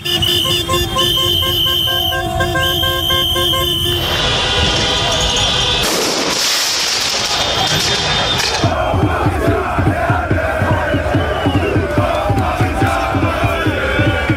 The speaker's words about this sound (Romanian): Parisul a luat foc după a treia calificare din istorie în finala Champions League. Fanii au invadat străzile, nu au lipsit torțele, fumigenele și focurile de artificii.